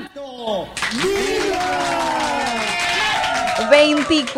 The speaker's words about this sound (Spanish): Chicos, no se olviden de los aplausos para quienes hoy cumplen años.